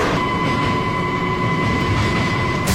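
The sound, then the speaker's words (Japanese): A train, the 9:09 service, pulls into a station platform: a loud, steady rumble of wheels with a sustained high-pitched whine on top and a brief hiss near the end. No one speaks. “航空行き複数電車が参りました。”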